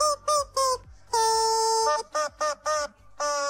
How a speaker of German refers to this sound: Das Huhn ist ein Hundespielzeug, das quietscht, wenn es ins Maul genommen wird. Bei uns wird es in die Hand genommen. Wir quietschen damit nämlich Hits aus dem besten Mix. Heute diesen hier.